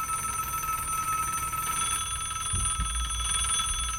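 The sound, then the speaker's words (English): A telephone bell rings continuously at the Jerry Lewis Telethon, a bright metallic trill sustained throughout, with a low rumble and a couple of soft thumps underneath. “Wait, I'm not going to answer your phones for you, Jerry.”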